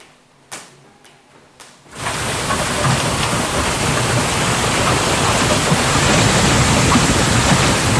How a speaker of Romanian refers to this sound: Furtună devastatoare cu grindină de dimensiunea unei mingi de golf la începutul verii în Statele Unite.